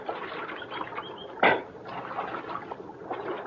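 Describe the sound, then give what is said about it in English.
Water of Little Creek babbles steadily in the background around noon, broken by one sharp splash about halfway through as riders who have climbed down from their horses scoop up water for a drink. No one speaks. “we reached Little Creek, and Falk's trail gave out”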